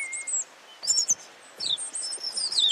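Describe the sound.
A person whistles imitations of bird calls: a series of high, thin chirps and trilling tweets, some sliding in pitch, fairly clear over a quiet background, with no talking.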